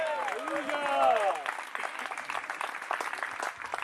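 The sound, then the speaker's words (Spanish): An audience breaks into sustained, dense applause for Christ, following a brief raised voice at the start; the clapping stays steady and fairly loud to the end. “Dele fuerte ese aplauso si es para él.”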